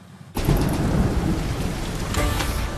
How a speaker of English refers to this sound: The next day it started to rain again, and this time it didn't really stop for the next 6 weeks.